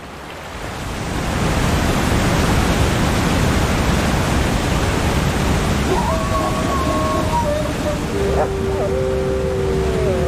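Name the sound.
rushing river water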